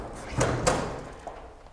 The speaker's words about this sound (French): Prend le cadavre, ouvre la porte, le jette dans la chambre et referme la porte. La porte s'ouvre, tête de jolie femme.